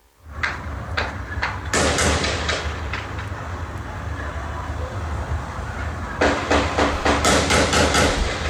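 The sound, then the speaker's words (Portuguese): Sharp, irregular gunshot cracks heard in the background in the Del Castilho area ring out over a steady low rumble, some single and some in quick clusters, building to a dense rapid flurry toward the end. No one speaks. “Dá pra ouvir bem os disparos, né? Ao fundo.”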